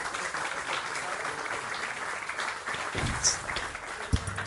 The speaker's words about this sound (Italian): Accogliamo con un grande applauso il Presidente Fabio Rampelli.